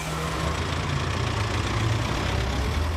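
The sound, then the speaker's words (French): A bus engine idles steadily, a continuous low rumble with a droning hum that holds at an even loudness throughout, with no voices. “To discover the whole USA, it's boarding time.”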